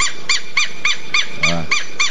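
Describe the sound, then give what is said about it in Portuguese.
A southern lapwing calls in a fast, steady series of shrill, strident notes, about eight in quick succession, fairly loud, with one lower, fuller note breaking in midway. “Peraí que eu vou botar esse tetreu pra cantar, canta tetreu.”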